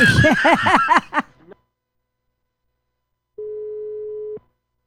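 Laughter in the opening second, then silence, followed by a single steady telephone ringing tone lasting about a second as a phone call is being placed, clear.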